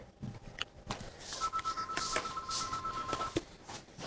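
A telephone rings at the Tilos Rádió (90.3) radio studio with a steady electronic tone lasting about two seconds, then cuts off with a sharp click as the presenter picks up the call, over faint background noise.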